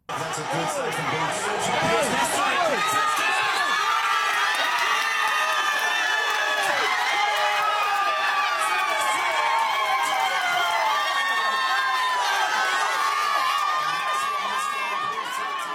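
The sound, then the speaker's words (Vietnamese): A large crowd watching a football match cheers and shouts excitedly in the outdoor courtyard of the Làng Ăn restaurant in Canley Vale, Sydney, as Australia scores the opening goal: a dense roar of many high, overlapping voices sustained at full volume for about fifteen seconds, with excited yells rising above the din. “Khi Australia ghi bàn mở tỷ số trong trận đấu hôm qua, khoảng sân ngoài trời của làng ăn ở Canley Vale ngập tràn tiếng reo hò.”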